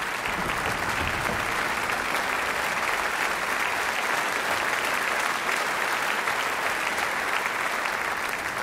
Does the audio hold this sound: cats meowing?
no